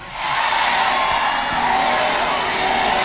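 A large stadium crowd roars and cheers in a steady, dense wash of voices that swells in quickly and holds loud and unbroken for about three seconds, with no single voice standing out.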